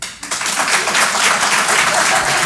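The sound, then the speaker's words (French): A crowd bursts into steady applause, many hands clapping at once in a dense, loud wash of noise that holds at an even level after a brief dip at the start. “Applaudissements, mesdames et messieurs, qui sont ceux parmi vous qui ont un abonnement à la salle de sport?”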